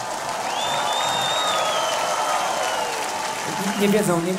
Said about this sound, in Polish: Zróbcie brawa dla naszych bohaterów.